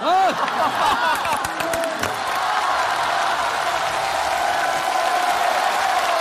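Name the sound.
audience applause and cheering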